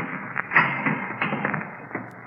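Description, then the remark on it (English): A heavy door latch being turned, a few dull clicks and clunks scattered over about two seconds against a steady background hiss, with no voices. “I glanced at my watch at 11:15, and right after that, I heard the heavy latch on the door being turned.”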